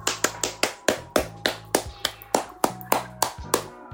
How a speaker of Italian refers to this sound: Quindi per lui devi fare un applauso.